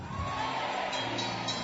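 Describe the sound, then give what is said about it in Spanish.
A church audience applauding during a sermon: dense, steady clapping that holds at an even level throughout, with a faint murmur of crowd voices mixed in. “Escúcheme, no aplauda, no aplauda.”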